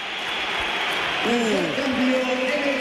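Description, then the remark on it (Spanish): The crowd at the Bernabéu stadium applauds as Vinicius is substituted off and applauds the crowd. A steady, dense wash of clapping and crowd noise, with a brief swooping, voice-like tone rising and falling partway through. “Va a entrar Álvaro Carrera, se va Vinicius, que ahora él aplaude al Bernabéu, se lo devuelven”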